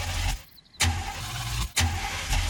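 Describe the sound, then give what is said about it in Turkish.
A car engine being started: a steady low rumble broken by three sharp, hissing surges at uneven intervals, loud throughout with a brief quieter dip, and no one speaking. “Motorumla ilgilenebilirsin. Bu benim hoşuma bile gider. Neyse, hadi çalıştır bakalım.”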